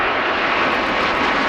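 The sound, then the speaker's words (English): A loud, steady roar of the Snowbirds aerobatic team's jet aircraft engines fills the moment, a dense, unbroken rush of noise with no voices, as if planes are passing overhead. “modernizing the snowbirds' planes, but says despite the upgrades, it found other issues, and it's no longer feasible to keep them in the air after the fall.”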